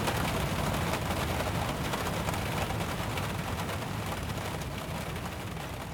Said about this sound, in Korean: 가는 길에 긴급 체포처럼 갑작스러운 소나기가 쏟아졌다.